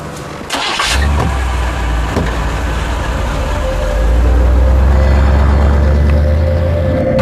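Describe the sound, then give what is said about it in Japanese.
A car engine starts with a short burst, then settles into a steady low rumble that grows louder and heavier as the vehicle pulls away, with no talking. “私の車でお送りしてくれ。”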